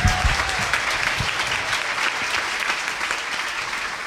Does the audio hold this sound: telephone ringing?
no